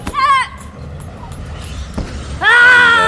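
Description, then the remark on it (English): Two loud, sharp martial arts yells burst out: a short one at the start and a longer, sustained one at the end, with a quiet pause between. The yells are screams made by forcing the air up and out to focus power. “You force the air up and out and scream.”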